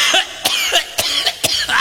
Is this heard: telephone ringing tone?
no